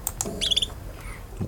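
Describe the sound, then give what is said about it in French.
A female bird gives a simple trill, of the kind females make when they hear songs: a short, quick run of high, thin notes repeated in a steady burst, with a few softer chirps around it and no talking. “Et des trilles simples.”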